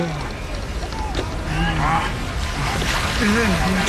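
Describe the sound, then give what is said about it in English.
Continuous splashing and sloshing of a rowboat's oars being pulled through choppy water, a dense rushing wash with shouting voices scattered over it. “Keep pulling the oars, Doctor.”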